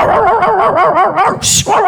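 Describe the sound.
A person imitates a dog with their mouth, letting out a quick, loud run of barks and yips, broken near the end by a short breathy hiss.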